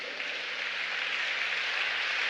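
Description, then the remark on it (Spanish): A church audience claps together as an applause to God, a dense, steady burst of applause that holds at an even, fairly loud level for a couple of seconds, with no voices above it. “Dele un aplauso a Dios.”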